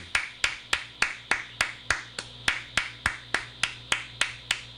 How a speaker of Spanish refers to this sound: Mira que aplauso.